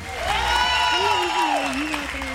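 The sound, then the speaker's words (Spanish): A crowd applauds steadily while voices cheer and shout bravo over it, their drawn-out calls rising and falling above the dense clapping for a couple of seconds, on the radio station MQ Radio as a joke-teller is introduced. “No escuché por el bravo.”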